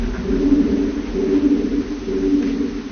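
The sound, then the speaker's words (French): Low, throaty cooing of a single pigeon in another part of a cave rolls on continuously in overlapping, pulsing phrases, softened and smeared by heavy reverberation. “On voit un peu les pigeons.”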